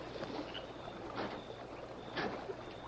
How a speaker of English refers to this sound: Tonto hear splash. Might have been a fish. It not sound like that. Sound like oar splash.